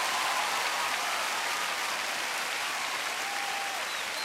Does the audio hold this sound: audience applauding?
yes